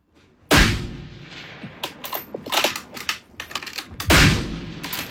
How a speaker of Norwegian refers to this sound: Caroline Finnestad Lund skytter flere tusen skudd I uka.